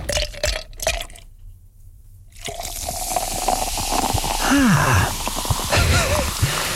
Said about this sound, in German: Prickelt gerade ein bisschen auf dem Trommelfell, oder? Eiswürfel im Glas.